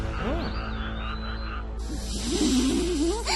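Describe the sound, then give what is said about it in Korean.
A strawberry poison dart frog croaks in short, warbling calls, quiet at first and then louder and more continuous over a sudden hiss of background noise. “이 개구리는 독화살 같은 강한 독을 가졌다고 해서 딸기 독화살 개구리라고도 불러.”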